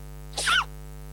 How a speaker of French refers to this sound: La sensation Internet, l'adorable panda qui éternue.